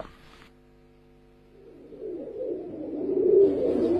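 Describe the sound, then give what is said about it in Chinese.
A pair of pink-grey pigeons cooing in low, burbling, throaty tones that swell in from the midpoint and grow steadily louder, following a brief stretch of faint steady hum. No one speaks. “你这对粉灰鸽我心仪已久，你开个价吧，要多少钱？”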